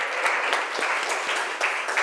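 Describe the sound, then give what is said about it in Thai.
Loud, sustained applause from a group of students in a classroom for the representative of group 1 who has just answered, a dense crackle of many hands clapping steadily for about two seconds with no voices over it. “โอเคค่ะขอเสียงปรบมือดังๆให้ตัวแทนจากกลุ่มที่1ค่ะ”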